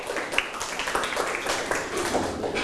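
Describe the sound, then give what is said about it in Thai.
A classroom of children in a math lesson on factorizing 24 claps together for a classmate who answered correctly, a steady patter of many overlapping hand claps at moderate loudness, lasting a few seconds without talk. “นักเรียนเก่งมากครับปรบมือให้เพื่อนหน่อยครับ”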